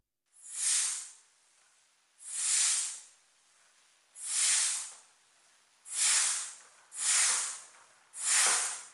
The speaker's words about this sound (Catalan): El cuir de la manxa està foradat. L'instrument és massa vell i la fusta s'ha ressecat amb els anys. Cada vegada que omplo el pulmó, l'aire s'escapa per una esquerda d'un pam i mig abans d'arribar als tubs principals.